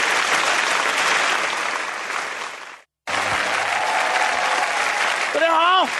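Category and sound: crowd, audience applause and screaming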